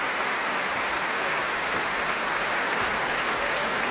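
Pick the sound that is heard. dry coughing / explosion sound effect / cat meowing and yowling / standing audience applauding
standing audience applauding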